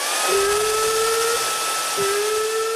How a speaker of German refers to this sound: Habt ihr einen Föhn? Haben wir.